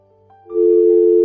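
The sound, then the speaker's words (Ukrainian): A telephone line tone from a failed attempt to accept an incoming phone call: quiet tonal sounds, then a loud, steady electronic hum that holds evenly to the end. No voices. “На номер 050 вже хтось пробує подзвонити, ну а я пробую прийняти цей дзвінок. Так, перша спроба невдала.”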